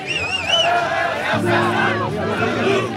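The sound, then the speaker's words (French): Hundreds of young people outside shout and chant in unison in protest against a singer, a dense roar of many young voices with rising, wavering yells on top and a steady low rumble joining partway through. “Et pendant ce temps, il y a des centaines de jeunes gens qui hurlent dehors”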